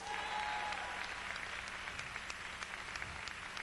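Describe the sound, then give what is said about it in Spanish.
A church audience applauds together at a preacher's call during a Spanish-language sermon. A dense, steady wash of many hands claps, with scattered sharper claps standing out, sustained at an even loudness throughout. “Dale un aplauso al rey.”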